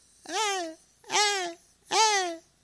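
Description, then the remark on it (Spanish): Three drawn-out, high-pitched shouting cries in a steady rhythm, each rising then falling, loud with short pauses between, like a voice imitating siblings shouting in the room next door. “al lado, mis ñaños están gritando, mis ñaños, mis ñañas están gritando.”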